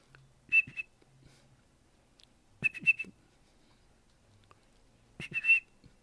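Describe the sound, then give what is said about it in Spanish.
A person whistles three short bursts imitating the song of a small bird heard all around the area, each a quick run of high, bright chirping notes separated by pauses of about two seconds, with no talking. “Ahorita intenté imitar el canto del pajarito que les digo. A ver si me sale.”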